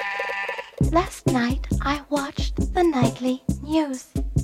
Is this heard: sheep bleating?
yes